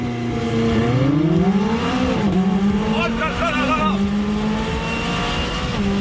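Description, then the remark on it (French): A 600 LT sports car with a 3.8-litre twin-turbo V8 and its roof folded down launches hard from 0 to 100 using launch control. Its engine roars up in pitch through rapid gear shifts, loud and continuous for several seconds, while a person exclaims over it. “Allez, pour déjà voir ce qu'elle a dans le ventre, cette 600 LT, on va se faire un petit 0 à 100 avec le launch control, pied à fond sur le frein, pied à fond sur l'accélérateur.”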